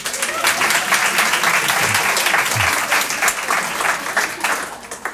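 A crowd applauds steadily for about five seconds, dense clapping at a fairly loud, even level with faint voices mixed in underneath.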